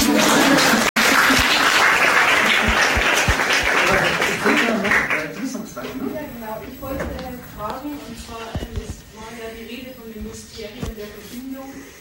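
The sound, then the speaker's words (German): A crowd applauds with dense, steady clapping for about five seconds. The clapping then fades out and a single voice begins speaking. “Nochmal Applaus bitte.”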